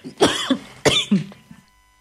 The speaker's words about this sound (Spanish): Ay, me dio la tos, mío.